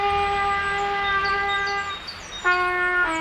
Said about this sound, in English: We can't help the kid next door learn the trumpet any faster.